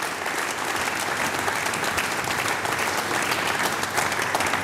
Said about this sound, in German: vielen lieben Dank, kriegst einen riesen Applaus, du und deine drei Mitstreiter.